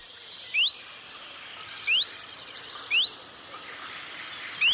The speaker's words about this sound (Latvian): čunčiņš ziņo ar citu saucienu, taču tas arī līdzīgs. Tas ir līdzīgs visiem lapu ķauķīšiem, svirlītim, čunčiņam, vītītim.